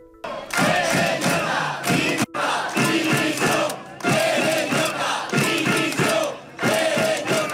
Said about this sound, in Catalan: Ahir de vesprada, al Palau de la Música, el president Pérez Llorca el van rebre entre crits de dimissió.